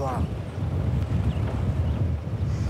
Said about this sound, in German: bekommst du Angst, weil der Wind so stark ist.